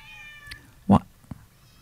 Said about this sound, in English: Oh, there's another cat here. What is going on? Okay, I've got to go. I've got to play this song and go and find out where all these cats are coming from.